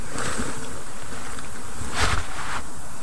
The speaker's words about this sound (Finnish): Heti kun kurnutus tuolta. Eli kyllä sammakko tietää meitä paremmin.